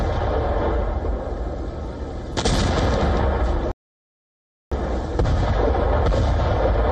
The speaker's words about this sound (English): The first explosions shattered the silence before dawn.